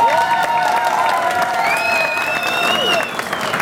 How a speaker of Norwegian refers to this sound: Selv om Skarsvåg er et lite fiskevær, så går dere foran som et fantastisk godt eksempel på fellesskap, samhold og lokal stolthet. Det synes jeg vi skal gi Skarsvåg en applaus for.